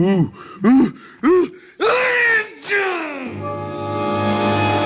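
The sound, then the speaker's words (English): Three quick rising gasps build up to a loud, drawn-out, exaggerated sneeze, followed by a sustained steady tone that lingers to the end. “Gesundheit.”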